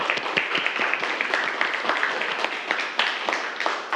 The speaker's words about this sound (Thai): ถูกต้องครับนักเรียนปรบมือเพื่อนครับ